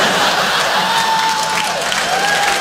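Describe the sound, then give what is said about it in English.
A show audience applauds steadily, with dense, continuous clapping filling the whole stretch, a few whoops and faint cheers mixed in, and a thin whistle-like tone drifting underneath. “Like the idea that maybe you guys are applauding that he might have a van.”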